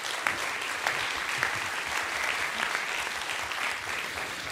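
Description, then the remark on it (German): Steady audience applause at a BR Heimat radio event for radio colleagues from South Tyrol and Tyrol, including from ORF Tirol, fills the whole stretch, a dense wash of many hands clapping at an even, moderately loud level with no voices standing out. “Bitte nochmal einen Applaus für unsere Kollegen.”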